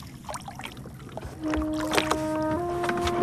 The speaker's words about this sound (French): Un soir, au large de Saint-Gilles, sur la côte ouest de la Réunion, j'ai diffusé ce chant aux baleines et il s'est passé ça.